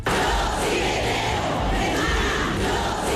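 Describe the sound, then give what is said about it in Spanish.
A dense street crowd in Pamplona, Spain, shouts in unison at a mobilization for women's rights against sexist and sexual violence, a loud, sustained wall of many voices chanting together with steady rhythmic swells and no single speaker standing out. “Las calles se llenaban y como además eran esos gritos que era lo que estaba en juego, ¿no?”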